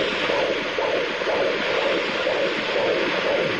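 The heartbeat of one of two babies (twins) on an ultrasound doppler: a fast, steady run of whooshing pulses over constant loud hiss, with no voices.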